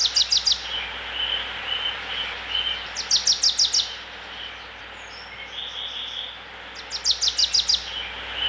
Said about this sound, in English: We also have to mention the beautiful nature that you hear in the background, the birds, the water, the park. The park surrounding the palace is also unique, right?